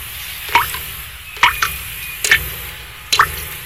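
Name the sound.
water dripping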